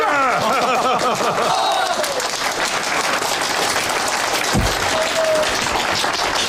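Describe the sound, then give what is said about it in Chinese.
A group of people applaud Comrade Zhongxun together, a dense, steady patter of many hands that carries on throughout, with a few voices briefly rising over it at the start. “好，给仲勋同志鼓掌！”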